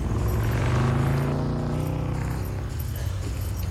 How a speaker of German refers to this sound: Hörst du das auf? Ein Auto? Ja, und? Das ist nicht irgendein Auto. Na, guck mal da drüben. Da kommt der Chevrolet Impala